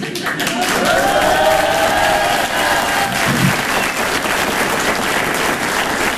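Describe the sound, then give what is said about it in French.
A crowd bursts into loud, sustained applause for a performer arriving on stage at the Grand Point Virgule, a dense wash of clapping that holds steady for several seconds, with some cheering voices mixed in. “Généralement, quand j'arrive sur scène, les gens m'applaudissent très fort.”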